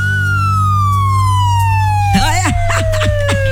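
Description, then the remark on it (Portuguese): A siren sound effect, added for suspense, wails in one long, slowly falling tone over a steady low hum, fairly loud; partway through, a voice starts talking over it. “Vou colocar a sirene aqui pra fazer o.”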